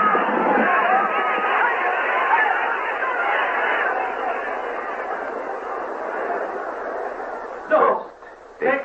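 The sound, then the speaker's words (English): A dense, loud roar of many voices shouting together, sustained and agitated like an angry mob, with a couple of sharper bursts near the end. “The crowd cried out in fury.”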